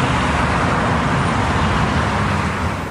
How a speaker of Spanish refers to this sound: en medio del frenético tráfico porteño